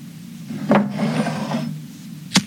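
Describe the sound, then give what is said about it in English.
A match scrapes sharply against its box and flares with a soft, steady hiss for about a second as it is struck to light a candle, followed by a single crisp tap. No one speaks. “Let me just grab that candle from the desk and light it.”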